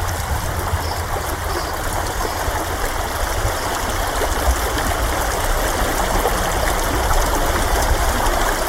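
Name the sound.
flowing stream water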